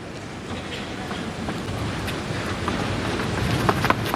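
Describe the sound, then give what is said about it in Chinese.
Steady, dense hiss of rain falling outdoors at a tennis match, fairly loud, with scattered brighter patters and a low rumble beneath, in cool 18°C windy weather with humidity above 75%. No one speaks. “今天的气温还是比较低的，也是因为下雨的缘故，现在的气温只有18摄氏度，这个风一吹还有点凉，但今天的湿度非常大，超过了75%，这也就意味着在今天这种高湿的环境之下啊，这个球会比较重。”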